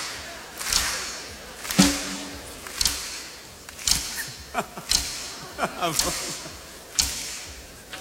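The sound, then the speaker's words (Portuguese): Crisp finger snaps, made in place of applause, crack out roughly once a second in a loose rhythm, with a few extra snaps between beats, over a faint background murmur. “Não é palmas, é estalinhos, estalinhos.”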